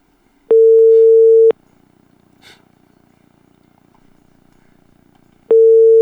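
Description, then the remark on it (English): A phone's ringback tone: a steady, clear electronic beep lasting about a second, followed by a long silent gap, then the tone starting again. It is loud, with no voices. “Oh, you are still there. You are still ringing.”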